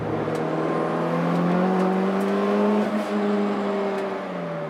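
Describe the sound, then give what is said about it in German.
The engine of a Honda CX car, a four-cylinder converted from naturally aspirated to turbo with a reinforced block, hums steadily and climbs in pitch as it revs and accelerates, loud, with a continuous whirring drone and no voices throughout. “Normalerweise ist das ein Saugmotor, Vierzylinder.”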